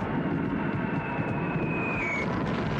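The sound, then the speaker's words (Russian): A steady, dense roar of the engines of a large group of enemy warplanes coming in over a river crossing, with a thin high whine that slowly glides downward over the continuous drone. No voices. “На переправу заходит большая группа вражеских самолетов.”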